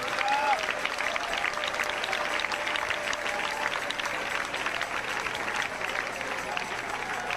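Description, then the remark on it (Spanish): An audience claps together in praise of the King, in a dense, continuous wash of applause that holds steady and loud for about seven seconds, with faint crowd voices mixed underneath. “Dele palmas al Rey, dele palmas al Rey.”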